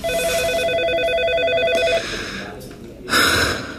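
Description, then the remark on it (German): An electronic office phone trills for about two seconds with a bright, rapidly warbling ring, then stops; a short burst of breathy noise follows near the end. “Das Büro, das Telefon, der Drucker und natürlich die MandantInnen.”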